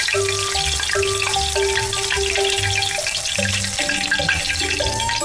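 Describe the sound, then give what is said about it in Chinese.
Seasoned fish pieces, 2 to 3 cm wide and coated in sweet potato starch for the dish tuotuo fish, deep-frying in hot oil until crisp and light golden, a loud, steady hiss and crackle that never lets up, with soft instrumental music playing underneath and no one speaking. “把码好整的鱼块下锅油炸”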